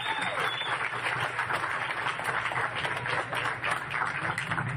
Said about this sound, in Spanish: Un aplauso para el secretario de Hacienda.